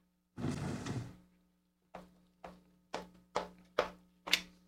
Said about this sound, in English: until you move the chair